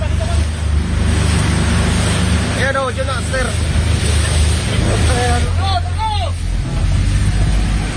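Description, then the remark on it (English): A steady, loud motorboat engine drones with wind and water noise, while Coast Guard rescuers on their boats shout in brief bursts over the roar as they approach a burning passenger ferry engulfed in flames in the darkness 100 yards ahead, in the Philippines. “What you can hear there are the voices of the Coast Guard rescuers on their boats as they approach the burning ferry, which is engulfed in flames in the darkness 100 yards ahead of them.”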